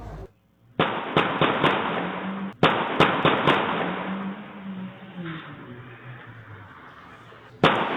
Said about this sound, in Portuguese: Uma câmera de segurança na rua conseguiu registrar o momento dos disparos.